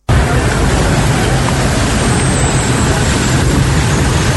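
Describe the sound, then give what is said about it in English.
Dense road traffic with trucks and buses, with motorists stuck in long queues after hours of downpour and flooding on the School Junction to Nana Krom stretch in Accra, makes a steady, loud low rumble that never lets up, a continuous wash of engine and tyre noise with no voices. “Hours of downpour left motorists stranded in long queues of traffic on the school junction Nana Krum stretch.”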